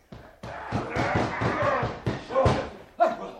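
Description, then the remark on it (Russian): Heavily armed streltsy pound and force a door with a rapid series of loud, heavy bangs and slams, with muffled shouting voices mixed in. “Ой-ой-ой-ой, сейчас дверь с петель снимут.”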